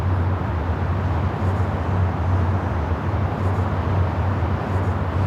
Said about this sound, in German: ganz eindeutig hören Sie ja hier die Autobahn direkt benachbart